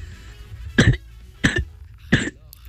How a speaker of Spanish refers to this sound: Y esta es mi tos.